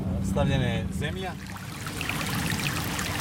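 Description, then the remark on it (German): A small stream about 3 kilometres outside the town of Pljevlja, Montenegro, trickles and burbles steadily past properties with large meadows, a continuous watery babble. A voice sounds briefly at the start before the flowing water carries on alone. “Wir sind gut 3 Kilometer außerhalb der Stadt an einem kleinen Bach.”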